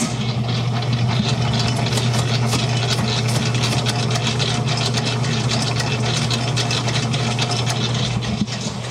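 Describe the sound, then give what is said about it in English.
A large commercial dough mixer nicknamed Big Betty, with a big metal screen around it and used to mix big batches of dough and icing, runs its motor steadily in a bakery. It makes a loud, constant low hum with a dense whirring, rattling texture on top that holds at the same level throughout, with no talking. “It also has a motor that goes all the way up to 4, and that is really fast. But we use this to mix big batches of dough, big batches of icing, and I can give you a sample of that.”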